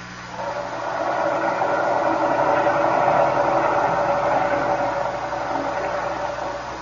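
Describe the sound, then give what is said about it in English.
A submarine's engine, run at full speed astern with a fouled propeller, drones heavily and continuously, a dense mechanical rumble with a steady throbbing hum that swells in and holds loud, as if labouring hard under strain. “The engine room reports the propeller is still fouled. It behaves as it did before. It turns, but as if something is holding it back.”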